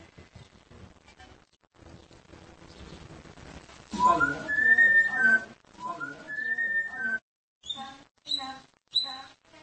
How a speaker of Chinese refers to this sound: 兽医伊维斯和他的宠物鹦鹉每个星期五晚上都会小酌一杯波特酒，喝上几小口后，鹦鹉就会开始吹口哨。